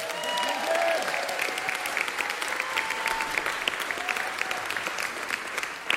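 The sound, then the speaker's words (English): A crowd claps steadily for several seconds for seniors being named one by one, a dense, sustained patter of many hands with faint cheers mixed in. “I would like to go one by one, and everybody give each of these seniors a round of applause individually.”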